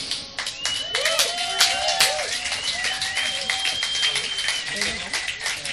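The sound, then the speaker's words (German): A crowd applauds steadily for several seconds for the bands and the venue at a club event, dense overlapping claps, with some voices calling out over the clapping. “drum einen großen Applaus für die Bands und auch für diesen tollen Platz.”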